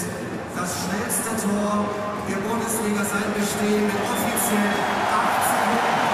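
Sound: stadium crowd applause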